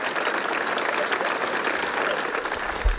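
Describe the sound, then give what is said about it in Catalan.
A crowd claps steadily and loudly for a few seconds for the mayor and the family of an assaulted Senegalese boy, a dense, sustained wash of applause with a low thump near the end. “I vull que es mostrem entre tots i tots que no estem sols, que aquesta família no s'ho mereix, no s'ho mereixen, i demano un fort aplaudiment per a tots ells, perquè són veïns nostres.”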